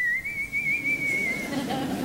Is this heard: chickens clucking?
no